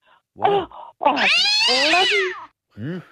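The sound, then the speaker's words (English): A voice imitates a cat meowing: a short mew, then a long, drawn-out wavering meow, and a brief final mew, all loud with no other talking. “That bloody cat, excuse me, must have been right outside.”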